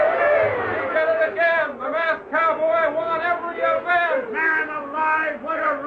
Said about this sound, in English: As the final event, Bronco Busting, ended, the crowd went wild.